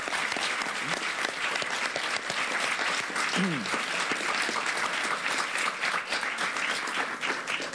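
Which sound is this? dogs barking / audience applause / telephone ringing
audience applause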